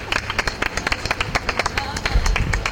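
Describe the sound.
Audience applause: a dense, steady patter of many hands clapping, fairly loud and sustained for the whole stretch, with some voices faintly mixed in beneath it.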